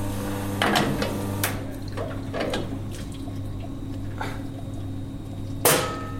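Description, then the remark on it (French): Water runs briefly as a metal espresso portafilter is rinsed, with sharp clinks and knocks scattered through it against a steady low machine hum; moderately loud, no talking. “Donc là je rince mon porte-filtre.”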